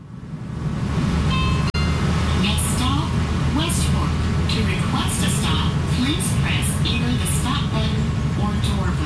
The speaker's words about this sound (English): Kansas City now has a streetcar. Free to ride, these trams run some 10 kilometers down Main Street, from the trendy River Market District with its restaurants and bars, to the art galleries,